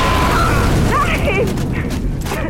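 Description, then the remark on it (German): A landmine explosion: a loud, sustained roaring blast with heavy low rumble and rough crackling debris throughout, overwhelming for a few seconds with no clear pauses. “den Ort der Explosion erreichte, hatte sich der Rauch verzogen.”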